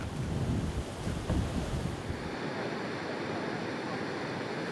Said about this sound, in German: Der Grund, ein Fluss hat die einzige Straße hier im Gebirge überschwemmt. Von beiden Seiten stecken die Menschen fest.